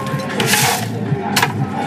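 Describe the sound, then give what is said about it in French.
Ice cubes drop into a non-alcoholic piña colada made with coconut cream and pineapple juice, with two bright rattling clatters, a longer tumble followed by a shorter clink, over a low background hum. “On va ajouter des glaçons.”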